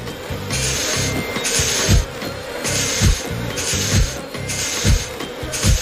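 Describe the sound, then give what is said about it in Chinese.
Rhythmic puffs from a beekeeper's smoker being used to calm the bees by their hidden hive: a steady series of breathy, rasping whooshes about once a second, each ending in a soft low thump, with no voices. “我们可以用灰灰的喷烟器让蜜蜂安静。”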